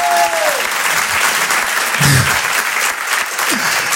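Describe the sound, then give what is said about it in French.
A crowd applauds steadily, a dense wash of clapping that holds at an even, loud level throughout, with a few faint voices and whistles poking through. “Quand ça applaudit, allez tous ensemble, on est une famille ce soir, ok?”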